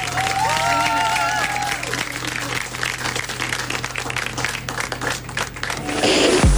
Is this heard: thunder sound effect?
no